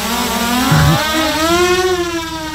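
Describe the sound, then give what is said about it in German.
A camera drone hovers with a steady, high buzzing whine full of overtones, its pitch wavering and rising slightly as the rotors speed up, alone without any talking. “Drohne, was für viele ein Spielzeug ist spätestens seit dem Ukraine-Krieg ein wichtiges militärisches Mittel.”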